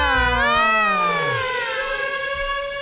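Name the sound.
siren sound effect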